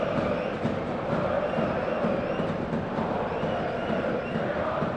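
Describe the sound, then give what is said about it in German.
A large football stadium crowd of about 30,000 spectators at the nearly sold-out Tivoli, waiting for kickoff, rumbles in a steady, dense roar of many voices, with occasional shouts and chants rising from the mass, continuous and fairly loud throughout. “Rund 30.000 Zuschauerinnen und Zuschauer hier heute in der Sörs.”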